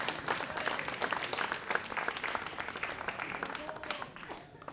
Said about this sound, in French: Oui, ça mérite quelques applaudissements, bien sûr, bien sûr.